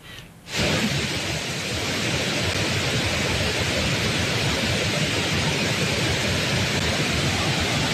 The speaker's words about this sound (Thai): คุณผู้ชมครับสภาพน้ำป่าที่ไหลหลากบริเวณน้ำตกแม่สาในพื้นที่อุทยานแห่งชาติดอยสุเทพปุยจากฝนตกหนักในพื้นที่จังหวัดเชียงใหม่ทำให้อุทยานแห่งชาติดอยสุเทพปุยประกาศปิดน้ำตกแม่สาและน้ำตกตาดหมอกครับ